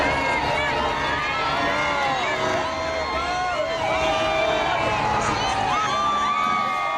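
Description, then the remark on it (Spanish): A dense street crowd in Madrid, in the red and white shirts of the Spanish national team, cheers and shouts for the world champions as their bus passes. Many voices overlap in rising and falling yells with high-pitched whoops on top, loud and steady throughout. “Las calles de Madrid se llenaban de camisetas rojas y blancas de la selección para animar a los campeones del mundo al paso de su autobús.”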